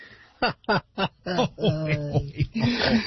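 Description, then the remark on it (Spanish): A string of loud pig oinks: three short, clipped grunts in quick succession, then longer, drawn-out squealing calls that run together toward the end. “Ay, ¿qué voy a hacer con este puerco pozolero?”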